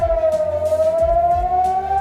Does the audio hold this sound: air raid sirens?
yes